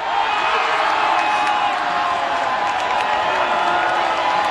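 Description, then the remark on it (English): A large crowd of fans at FanFest roars in a steady, loud wall of cheering after Canada scores a goal in a World Cup match, with whoops and scattered clapping rising out of the dense noise throughout. “So that crowd absolutely went nuts when the goal went in.”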